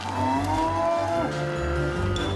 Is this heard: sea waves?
no